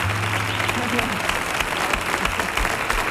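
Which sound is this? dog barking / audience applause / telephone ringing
audience applause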